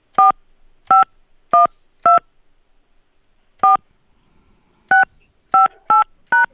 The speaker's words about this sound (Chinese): 不好意思，您输入的手机号格式有错误。辛苦您重新输入11位手机号后，按数字键盘右下角的井号键确认，或者直接说出您的11位手机号码。